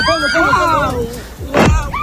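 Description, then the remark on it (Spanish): Excited voices shout and cry out, then one short, loud booming blast from a Hezbollah drone exploding over an Israeli beach bursts through near the end before the shouting picks up again. “Es el sonido de la explosión de los drones de Hezbollah que están explotando sobre una playa israelí.”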